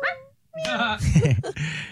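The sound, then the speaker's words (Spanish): A puppy whimpers with thin, high-pitched whines, then breaks into a quick run of yips and short barks before whining again. “Hay un perrito y una gatica.”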